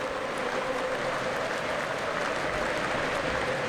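A huge stadium crowd stands and applauds at the 20th minute of a Liverpool match, with Liverpool leading 1-0, in tribute to the number 20 worn by Diogo Jota. Thousands of claps merge into a dense, roaring wash that holds at a constant level throughout, with no voices rising above it.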